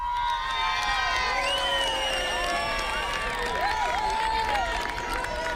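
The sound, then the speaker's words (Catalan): A large crowd in Aras de los Olmos cheers and applauds outdoors during the eclipse, with many overlapping excited shouts and whoops rising over a steady, fairly loud wash of clapping and chatter throughout. “No, en mi caso no, pero sí, la gente sí que aplaudió.”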